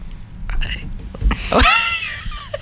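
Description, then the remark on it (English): A single stifled cough, muffled, held back into a short throaty burst with a brief voiced tail, amid faint low background noise. “That was not a burp. She's not Yao. That was AI. I needed to cough.”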